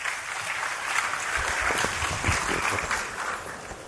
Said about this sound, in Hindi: और अब मैं आमंत्रित करने जा रही हूं श्री गिरिराज सिंह जी को। माननीय वस्त्र मंत्री भारत सरकार, आपसे अनुरोध है कि भारत के हथकरघा क्षेत्र के भविष्य के लिए अपना संबोधन और दृष्टिकोण साझा करें। जोरदार तालियों से स्वागत कीजिए।